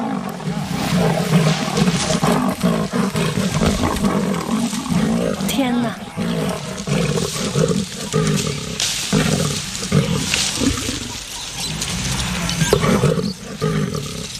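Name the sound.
lion and leopard fighting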